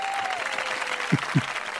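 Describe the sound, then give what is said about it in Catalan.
A group applauds with dense, continuous clapping that holds at a steady level throughout, with a couple of heavier claps or thumps standing out near the end. “estem molt contents i aquest aplaudiment per tu.”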